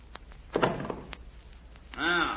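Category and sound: household object, door thudding shut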